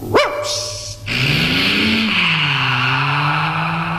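A single sharp bark from a big Doberman inside a Trabant car, then the small Trabant's engine revs loudly and the car pulls away, tyres hissing and skidding over a steady engine drone.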